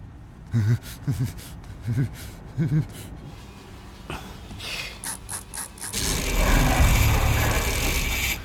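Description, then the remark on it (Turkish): A Swedish-made computerized mechanical combination lock, with 8 layers and over 4 million combinations, is turned, giving a run of short clicks and ratcheting ticks, followed by a steady, louder mechanical whir in the final seconds. “Bu bir İsveç yapımı bilgisayarlı mekanik kilit.”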